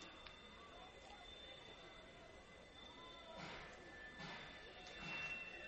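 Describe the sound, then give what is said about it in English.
A southbound train rolls slowly along the tracks beyond the right field wall of a baseball park, its steady high-pitched wheel whine and low rumble drifting in, with a few heavier clanks and bursts of rolling noise building near the end. “Southbound train creeping along the tracks beyond the right field wall.”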